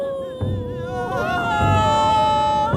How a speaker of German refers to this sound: Die Klageweiber jedenfalls kamen aus dem Weinen nicht mehr heraus.